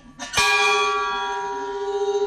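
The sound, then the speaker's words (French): A single round bell, rung to mark a pilgrim's departure on the Way of Saint James, is struck once, loud, after a brief light tap, its bright metallic tone ringing on and slowly fading with a gentle pulsing shimmer. “donc une cloche ronde, on peut aller la faire même si on part pas sur le chemin de Saint-Jacques”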